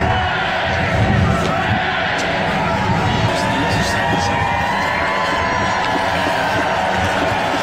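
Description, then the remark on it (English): A large crowd at Trooping the Colour cheers and shouts steadily as King Charles, Queen Camilla and the Prince and Princess of Wales step onto the Buckingham Palace balcony, a dense wash of many voices with occasional higher yells and whistles rising above the roar, sustained and loud throughout. “The crowds cheered as King Charles, Queen Camilla and the Prince and Princess of Wales stepped onto the Buckingham Palace balcony.”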